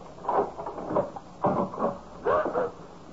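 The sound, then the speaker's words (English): A door is opened, with three short bursts of rattling and scraping as the latch and hinges move, separated by brief pauses against a quiet background. “I'm about to open the door.”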